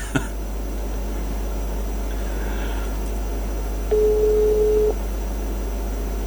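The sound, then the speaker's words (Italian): A single steady telephone busy tone from a call that does not connect because the phone is switched off, sounding for about a second, clear against a quiet background hum, with a brief click near the start and no one talking. “Il telefono è staccato.”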